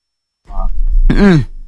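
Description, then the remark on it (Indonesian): A short cough or throat-clearing from a person with a cough that is getting better: a brief rough burst, then a louder voiced, croaky hack, all over within about a second, with a low hum underneath. “Batuk ya Bung? Iya. Kok kedengaran Bung? Kedengaran.”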